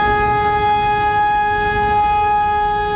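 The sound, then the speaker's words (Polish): A civil defense alarm siren, tested during Poland's nationwide Alarm 2026 drill, sounds as a loud, steady, sustained wail, its pitch holding level over a rumbling background with no one speaking. “W całym kraju testowane są syreny alarmowe, które mają ostrzegać mieszkańców przed zagrożeniem.”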